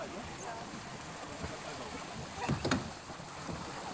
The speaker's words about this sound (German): Nach und nach trudeln die Boote wieder ein.